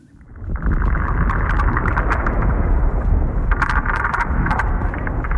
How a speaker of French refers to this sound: Écoutez, c'est le souffle de l'Arctique tel qu'on le fantasmait il y a 100 ans. Un désert blanc, un silence de mort rompu par les bruits de pas et les bois de traîneaux.